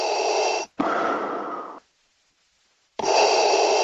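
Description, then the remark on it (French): Loud, heavy breathing with a harsh, raspy, almost mechanical tone: a drawn-in breath, a longer exhale, a second of silence, then another breath begins. “La respiration, on ne l'entend que rarement, sauf quand elle est un peu inquiétante.”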